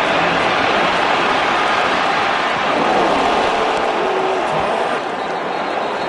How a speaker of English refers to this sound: this is how it sounded inside the stadium, this was some of the natural sound, what we call nat sound in the audio business of the Dante Moore hit. You can audibly hear the collective gasp by the crowd when the hit happens.